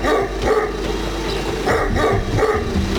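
Several stray dogs bark repeatedly in bursts, their overlapping barks and yips forming an irregular rhythm over a steady low background rumble.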